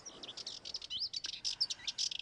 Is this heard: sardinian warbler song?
yes